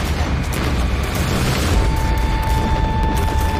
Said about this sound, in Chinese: 哪里想到我还没走到镇子，枪声四起。